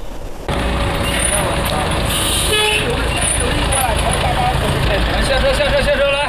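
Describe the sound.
A busy outdoor crowd murmurs amid road traffic at the Majuqiao odd-job labour market in Tongzhou, southern Beijing, at daybreak, with odd-job buses parked at the gate. A vehicle horn sounds a long steady toot early on over the constant hubbub of voices and engines.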